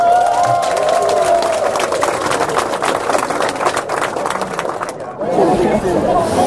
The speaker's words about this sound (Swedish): Vi ger henne och hela matlaget en rungande applåd.